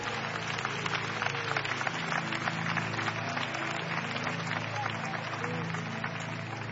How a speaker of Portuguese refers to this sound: Pode louvar o Senhor com as suas palmas.